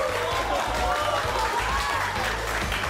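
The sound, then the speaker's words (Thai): An audience claps steadily, a dense wash of many hands that stays loud for the whole stretch, with faint voices and a low rhythmic thump running underneath. “ตบมือตบเสียงดังขึ้นเงินเดือน”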